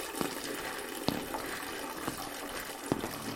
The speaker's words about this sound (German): Also ihre Spülung faucht ihr, als würde das Ding gleich überkochen.